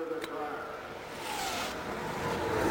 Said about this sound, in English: They're firing the engine once again.